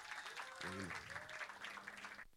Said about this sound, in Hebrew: לא לצלם, כי אתם עכשיו ברדיו 91, כן, נימשתי, בשידור חי. תעשו לעצמכם כפיים באמת.